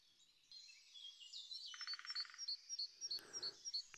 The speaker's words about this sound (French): Entendez-vous cet oiseau très beau? Cet oiseau très beau n'est-il visible que par son chant? Combien d'oiseaux sont encore cachés dans nos yeux tandis que leur chant traverse le noir, la lumière d'une oreille à l'autre?